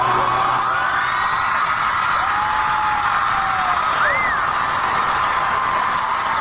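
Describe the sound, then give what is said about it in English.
A loud, dense concert crowd roars continuously, with shrill whoops and rising yells cutting through the steady wall of cheering from start to finish. “And listen to this crowd here.”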